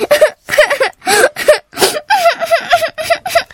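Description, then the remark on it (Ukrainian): A girl reading a fairy tale sobs and whimpers in a string of short, gasping bursts with wavering high-pitched cries, fairly loud and with no talking. “Сестричко, ти чого плачеш?”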